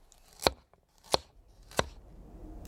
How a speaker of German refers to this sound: Cool, ich schnippel uns einen schönen Salat.